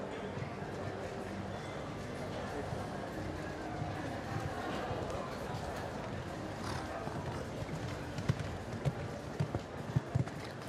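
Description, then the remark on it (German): The hooves of an 18-year-old Hanoverian stallion, ridden for the Czech Republic in a jumping competition, canter across arena footing in a steady rhythm, with a few heavier thuds near the end, under a man's ongoing commentary and a dense background wash. “mit einem Hannoveraner Hengst, der schon 18 Jahre alt ist.”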